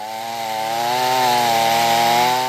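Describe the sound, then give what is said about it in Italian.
A chainsaw cuts through wood as local residents clear branches and tree trunks from the banks of the Iudrio river after a flood, at Ruttars in Dolegna del Collio; its engine holds a loud, steady buzzing whine that wavers slightly in pitch, with no voices. “Motosega, carriola e tanta buona volontà.”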